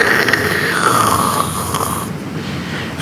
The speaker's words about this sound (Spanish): Sigue lloviendo. Se escucha fuerte la lluvia acá en los estudios de Radio Austral.